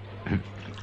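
A quick splash of pest killer poured from a bottle onto a desk to drown an ant, one short gush over a steady low hum, with no talking.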